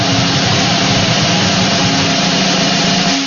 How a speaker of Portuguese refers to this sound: Vamos lá, que rufem os tambores!